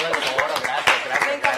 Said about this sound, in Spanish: ¡Un aplauso! Por favor, gracias.